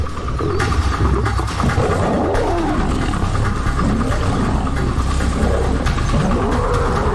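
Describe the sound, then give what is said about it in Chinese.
Two male lions, Cecil and Leander, fight and attack an older lone male lion in northern Hwange National Park, with a continuous stretch of deep, rumbling roars and snarls that swell and overlap for several seconds, loud and sustained without pause, with no voices present. “塞西尔和利安德清楚，这只公狮的弱点在于没有并肩作战的伙伴，他们勇猛地发起攻击。”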